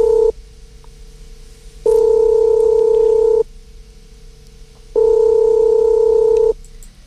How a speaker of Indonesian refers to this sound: Oke, kita coba telepon dulu, semoga diangkat